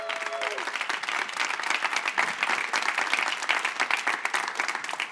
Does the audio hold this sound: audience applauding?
yes